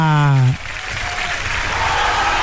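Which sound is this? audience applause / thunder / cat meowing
audience applause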